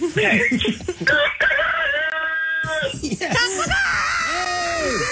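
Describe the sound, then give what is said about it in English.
A rooster crows loudly into a phone, one long drawn-out call held for a couple of seconds, surrounded by shorter squawks and faint chuckling voices. “Wow, that worked. You got a great rooster there.”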